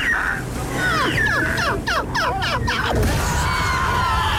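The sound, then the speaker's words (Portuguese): A seagull calls loudly, a rapid run of sharp, harsh squawks rising and falling in pitch, then fading into steady outdoor background noise. The gull is about to land on beach sand. “Olha aquela gaivota. Olha onde ela vai pousar.”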